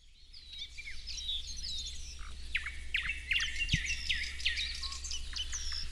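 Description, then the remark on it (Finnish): Several birds sing together outdoors on a warm, grey-skied morning at Siikalahti in Parikkala, Finland: nightingales, thrushes and spotted flycatchers trading bright, overlapping whistles, trills and chirps, continuous over a faint low background rumble. “Kyllä, tässä on satakieliä ja rastaita ja harmaasiepot myös äänessä.”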